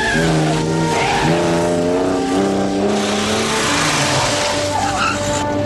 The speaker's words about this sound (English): The woman speeds off in Bond's car.